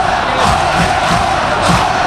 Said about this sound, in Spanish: Tremendo el sonido de Butarque, el rugido de los 11 leones. Brutal.